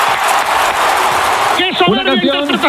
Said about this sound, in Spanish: ovación.